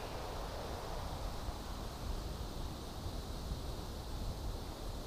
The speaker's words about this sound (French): Les petites feuilles des bouleaux, secouées par le vent, frémissent tendrement.